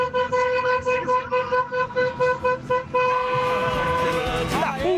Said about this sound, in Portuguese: Vai, solta aí, solta a sua buzina.